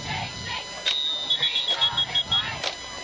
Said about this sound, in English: We have some whistles here. Official timeout for something.